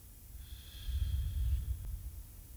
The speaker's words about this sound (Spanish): Y sigo respirando. Una.